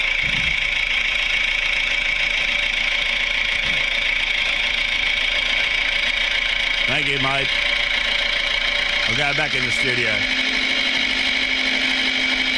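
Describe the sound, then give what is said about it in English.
The small engine of a little red tractor chugs steadily at idle, fairly loud, with a man's voice briefly speaking over the continuous mechanical drone, before the tractor drives off. “There he goes from the little red tractor.”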